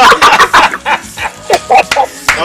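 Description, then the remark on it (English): A person's voice imitates a rooster, loud, with a quick run of choppy clucking bursts that ends in a rising, crow-like call. “can you rooster like you used to?”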